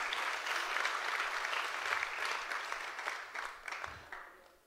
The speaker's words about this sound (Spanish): Denle un aplauso fuerte al Señor. Déselo fuerte que es para el Señor.